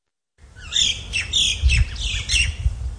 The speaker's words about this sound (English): The sound of native birds as they fly over fields as far as the eye can see. These were once Australia's largest goldfields.